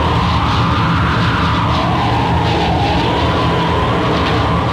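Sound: howling storm wind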